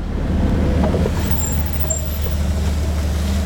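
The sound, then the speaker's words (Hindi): A steady low rumble of a car driving along a mountain road with hill mud on it, engine and tire noise constant throughout, following a bus that drives in the centre of the road at the same speed, with faint high squeals in the background. “हाँ, वो मुझे साइड नहीं दे रहा, सेंटर बीच में चल रहा। मेरा गाड़ी भी बस की स्पीड से चल रही है।”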